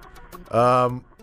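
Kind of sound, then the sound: bird, birds calling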